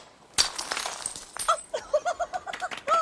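A glass bottle smashes against a van in one sudden, loud crash as the van is christened and named Isis, followed by a scatter of bright tinkling and clinking as the fragments settle.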